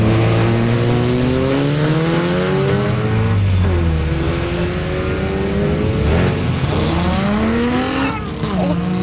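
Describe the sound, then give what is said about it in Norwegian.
A single rallycross car roars loudly during practice at Momarken, its engine revving up and dropping repeatedly as it shifts gears and accelerates hard along the track, with the pitch sweeping between each shift. “Nå som det trening, så kjører de bare gjennom en bil.”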